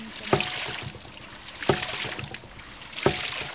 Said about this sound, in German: hat man eben mit Hilfe dieses Widders das Wasser nach oben gepumpt. Und da spritzt es